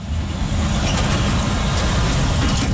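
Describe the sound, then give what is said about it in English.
Heavy trucks rumble past a scrap metal yard on Intermodal Drive in Brampton, a continuous deep, loud engine roar with no speech, filling the whole stretch without pause. “Trucks thunder along Intermodal Drive past Triple M Metal, where firefighters are still on site watching for flare-ups.”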